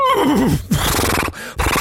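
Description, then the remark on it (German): A horse, addressed as "Brauner", whinnies loudly with a wavering, descending call, followed by snorting and a second, shorter neigh near the end. No one speaks. “Na klar, auf dem Pferd kann man aufsteigen”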